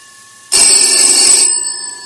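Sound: telephone ringing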